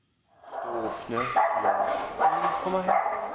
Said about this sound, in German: ein alter, kranker Mischlingshund, vor 3 Wochen zu Ferienbeginn ausgesetzt.